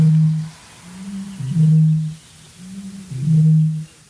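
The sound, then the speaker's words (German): A Eurasian bittern booms: deep, hollow, foghorn-like notes repeated about three times with short pauses between, each swelling loudly before fading, with no voices. “Aber hier kommt der Gegner, die Rohrdommel, circa 8-mal größer als der Zaunkönig.”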